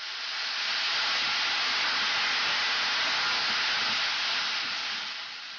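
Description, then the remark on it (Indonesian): Steady, dense sizzling hiss of carrots stir-frying in a hot pan with sugar, soy sauce and red chili over medium heat, for kimpira, until the soy sauce liquid evaporates; loud and continuous throughout with no one speaking, easing off slightly at the very end. “Teruslah menumisnya sampai kandungan air dari kecap asinnya menguap dan wortelnya kelihatan seperti mulai hangus.”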